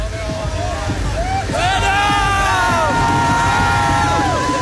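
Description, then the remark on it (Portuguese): A large crowd of motor-racing fans cheers and shouts continuously as race winner Lando Norris arrives and parks his car in first position, many voices overlapping into a loud, steady roar with rising calls and whistles, against a low rumbling background. “Sua torcida volta a ficar feliz.”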